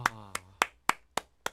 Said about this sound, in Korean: 감사합니다. 박수밖에 안 나오네요, 정말.